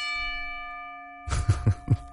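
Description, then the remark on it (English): A wrestling ring bell sound effect is struck once and rings with a bright, sustained metallic tone that fades over about a second before cutting off, then a voice begins talking. “I'm going to get the most use out of that sound effect while I can.”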